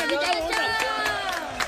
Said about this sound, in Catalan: I el ganador. Fort aplaudiment. Molt bé.